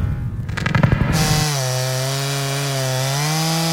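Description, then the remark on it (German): A chainsaw roars at the back of a barn on a farm, first with a rough, gritty burst as it bites, then settling into a steady, buzzing engine drone that holds evenly to the end. No voices. “Als ich zurück auf unseren Hof fahre, höre ich die Kettensäge hinten an der Scheune und bin schon sauer, noch bevor ich aussteige.”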